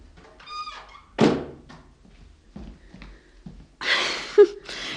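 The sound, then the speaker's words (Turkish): A door swings shut with a single solid thunk, preceded by a brief high squeak, followed by quiet shuffling and a stretch of airy rustling noise. “Kapıyı kapatınca fark ettim.”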